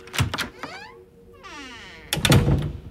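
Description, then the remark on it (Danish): A few dull knocks on a classroom door at a school in central Oslo in September 2007, followed by a drawn-out, rising and falling creak, then another heavier burst of thumping. No one speaks. “Pludselig så banker det på klasseromsdøra.”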